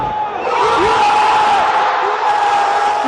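A loud, sustained roar of Moroccan football supporters cheering in celebration of a win after a penalty shootout, a dense wall of shouting voices with whoops rising above it, holding steady throughout.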